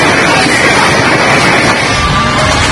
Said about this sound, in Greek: Ερασιτεχνικό βίντεο καταγράφει τη στιγμή που πινακίδα πέφτει πάνω σε πεζό, καθώς άνεμοι που έφταναν τοπικά τα 7 μποφόρ σάρωσαν την Κωνσταντινούπολη.